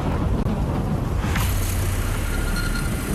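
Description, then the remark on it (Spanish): A powerful thunderstorm roars steadily over hikers climbing to a mountain summit, with heavy low rumbling and blustery wind noise filling the whole recording at a constant, loud level, and no voices. “Lo hacen bajo una poderosa tormenta.”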